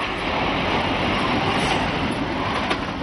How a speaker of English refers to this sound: Now Sweden is trialling a world first, a train powered by neither diesel nor electricity.